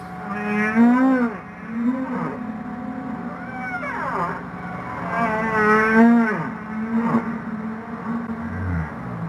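Humpback whale song in the ocean: long, eerie moaning calls that swoop up and down in pitch, repeating over a steady low rumble, with no voices present.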